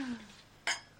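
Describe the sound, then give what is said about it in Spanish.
A single bright clink of glasses touching in a toast made during a radio programme, sharp, with a short ringing tail after a quiet, murmuring lead-in. “Y podríamos hacer un brindis, ¿no?”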